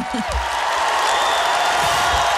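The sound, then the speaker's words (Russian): Loud, sustained applause from an audience after a staged musical number with a vocal finale, a dense wash of clapping with a few cheers or whoops rising briefly above it. “Слышно по громкости аплодисментов, как это понравилось аудитории.”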